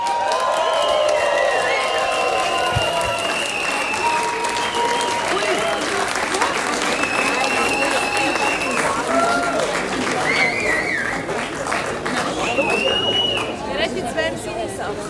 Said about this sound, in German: Und mit einem riesigen Applaus jetzt auf unserer Bühne begrüßen.